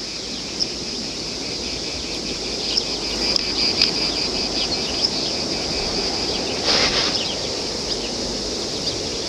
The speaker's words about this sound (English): This lack of speech in the face of the cicada's sound is something which, according to the myth told by Socrates, would cast a spell on the gunman.